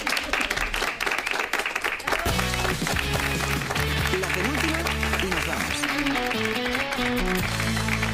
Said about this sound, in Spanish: Un aplauso para